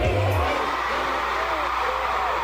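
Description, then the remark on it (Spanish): A huge stadium concert crowd of more than 60,000 fans in Mexico screams and cheers continuously, a dense wall of high-pitched shrieks and whoops that stays loud and steady throughout, with a brief low rumble at the very start. “Más de 60,000 fans escucharon 20 canciones entre gritos, lágrimas de emoción y pirotecnia.”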